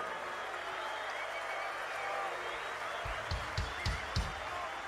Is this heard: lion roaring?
no